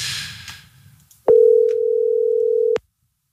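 One loud, steady mid-pitched outgoing telephone ringing tone, placed live on radio air, lasting about a second and a half, preceded by soft hiss and rustling, then silence once the tone stops.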